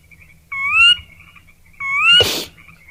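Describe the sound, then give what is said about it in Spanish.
A frog calls twice, each call a loud rising tone about a second apart, the second ending in a sharp burst of noise. No one speaks. “Y una rana.”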